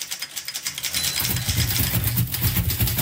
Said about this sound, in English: Typewriters were built with keys, akin to the keyboard of a piano. By pushing the keys, or buttons, of a typewriter, people could write much faster than they could with pen and paper.